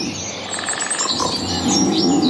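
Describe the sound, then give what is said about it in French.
Small birds chirp and twitter repeatedly in quick, high bursts, layered over a steady outdoor hiss, with no one speaking. “C'est-à-dire qu'il y a des petits bruits d'oiseaux comme ça.”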